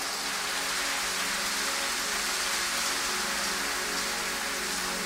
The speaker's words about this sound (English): And are you clapping or you are doing something like clapping? Give the Lord a higher clap.